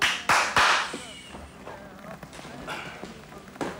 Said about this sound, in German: Entschuldigung, meinten Sie mich mit dem Klatschen?